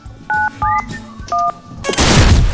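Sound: phone keypad dialing tones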